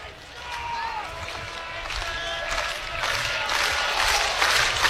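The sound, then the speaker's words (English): A baseball stadium crowd cheers to help pitcher Unger against the leadoff man in the top of the ninth inning: a steady, dense roar that builds gradually louder, with high whistles cutting through the noise. “crowd trying to help Unger with the leadoff man here on the top of the ninth inning.”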